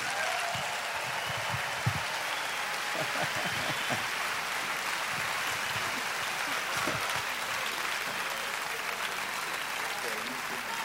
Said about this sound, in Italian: So, Perugia vi chiede di put your hands together please, mettete le vostre mani insieme. Un grande applauso, diamo benvenuto sul nostro palco a Valentina Cenni e ….